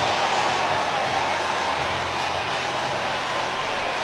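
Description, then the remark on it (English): A loud, continuous roar from the crowd at a Cubs–Dodgers baseball game cheering Kevin Alcantara's first career home run, a deep drive to left center field, a dense wash of voices that holds steady for the whole stretch without a break. “Listen to this crowd.”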